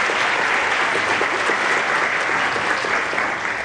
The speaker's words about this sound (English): Good morning, church family, and happy Father's Day to all the fathers out there. Let's give a round of applause to all the fathers in the congregation today.